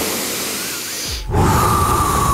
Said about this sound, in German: Leg dich nochmal kurz auf den Rücken. Tief in den Bauch atmen. Ja. Ich höre dich nicht atmen? Ja, ich atme. Ich atme dir nochmal vor mit.